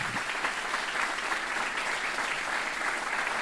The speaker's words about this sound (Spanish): Denle un aplauso a Dios si usted lo cree. Vamos, déselo con todo.